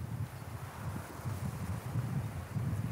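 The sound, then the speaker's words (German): Steady, freshening outdoor wind by the sea, amid waves during a drone rescue test, buffets the microphone with a low, gusty rumble and a soft hiss on top, rising and falling slightly without letup. Nobody speaks. “Trotz auffrischendem Wind und Wellengang.”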